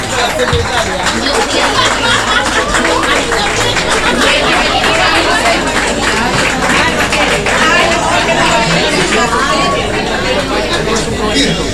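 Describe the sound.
A large audience claps steadily for about twelve seconds, a dense, loud wash of applause with crowd voices and chatter mixed throughout.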